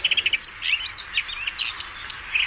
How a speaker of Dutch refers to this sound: Deze bosrietzanger van Dirk-Jan Saaltink bijvoorbeeld. Koud terug uit Oost-Afrika, neergestreken onder de rook van Rotterdam, zingt hij zijn lied. Doorspekt met veel vogelgeluiden die hij tijdens zijn reis gehoord en geleerd heeft.